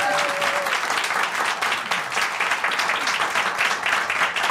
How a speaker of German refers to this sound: Und ich möchte einen großen Applaus von unserem Präsenzpublikum einfordern, weil du hattest gerade die Doktorverteidigung